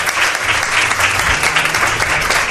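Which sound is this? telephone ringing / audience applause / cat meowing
audience applause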